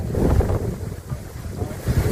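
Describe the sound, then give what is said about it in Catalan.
Strong tramontane wind blasts across the microphone in a continuous, loud roar with gusting low-frequency buffeting, rising and easing but never dropping away, on the ground at a wildfire between Santa Maria la Mar and Canet de Rosselló; the wind has reached 180 km/h. “El vent és fort, el foc avança amb força, empès per aquest fort vent de tramuntana que bufa la zona i que ha arribat als 180 km per hora.”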